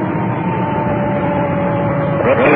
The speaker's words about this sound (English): There's our siren. We just cut it in. Somebody's already heard that much we know. Ambulance is dispatched.